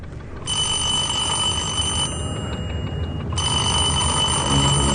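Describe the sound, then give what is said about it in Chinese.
A telephone rings in two long bursts separated by a short pause, a steady, bright, trilling tone over a low rumble of background noise, as a man places a call. “他给罗家龙挂电话。”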